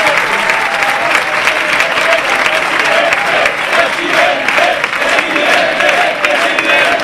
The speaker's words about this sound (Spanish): Pues nos vamos al ganador, nos vamos con Florentino Pérez, Chitu. Mira qué aplauso.